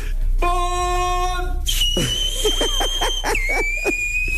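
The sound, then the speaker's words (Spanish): A loud, shrill whistle held for a few seconds, its pitch dipping slightly near the end, follows a brief buzzy, horn-like tone, with muffled voices shouting beneath it. “Voy a chiflar así, lo prometo, ¿eh?”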